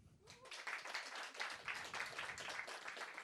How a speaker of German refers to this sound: Deswegen würde es mich interessieren, wer von euch hat mich schon mal auf einer Bühne gesehen? Kurzer Applaus.